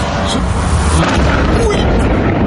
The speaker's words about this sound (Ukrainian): Під гуркіт вибухів та з густим чорним димом, що затягнув небо над фінською затокою.